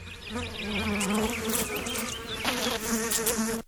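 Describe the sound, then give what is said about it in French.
A housefly buzzes steadily, its droning hum wavering in pitch as it moves around, continuous for a few seconds with no voices. “Alors, est-ce qu'elles ne méritent pas qu'on les applaudisse, les mouches domestiques ?”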